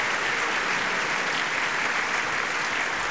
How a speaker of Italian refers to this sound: ecco che entra …. Sì, e senti gli applausi, sempre diciamo di apprezzamento per ….